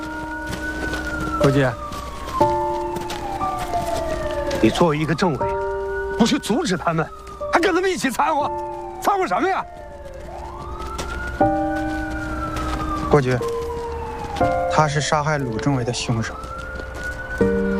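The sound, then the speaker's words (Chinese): An ambulance siren wails continuously as the ambulance is driven in, its rising and falling tone sweeping loudly over bursts of commotion and indistinct shouting. “快，把救护车开进来！”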